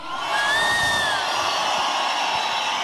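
A loud, steady wash of concert crowd noise fills the whole clip, a broad roar of shouting and cheering called for Radioactiva, with a couple of high whistle-like tones rising briefly above it near the start.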